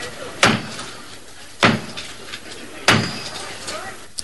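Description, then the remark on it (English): Three heavy, deliberate knocks on the door of Canterbury Cathedral, the traditional knock starting the enthronement of the Archbishop of Canterbury, Dr. Robert Runcie, slowly and evenly spaced, each ringing with a resonant echo over a faint background murmur. “His enthronement started with the traditional knock at the door of Canterbury Cathedral.”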